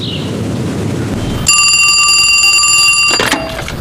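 A telephone bell rings once in a single loud, rattling burst lasting under two seconds, with a low rumbling background noise before and beneath it. Nobody speaks.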